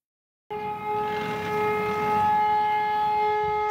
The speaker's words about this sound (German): Ohne Knall, aber mit lauter Sirene geht es los. Das Übungsszenario? Ein Flugzeug und ein Tanklaster stoßen auf dem Flughafenvorfeld zusammen.